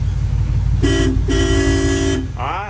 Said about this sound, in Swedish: Och så här lät det för en liten stund sedan när han fick åka färja. Ska vi se om ni kan få igång den där, så ja. Var har du signalhornet? Där, jag ser det står, signalhorn står det där. Får jag trycka där?